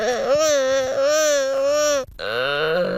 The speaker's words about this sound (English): To be fair, the gelada monkeys sound really weird. They really do. They sound like somebody's like in pain or something. It's like they don't sound, it's not something anybody really wants to listen to.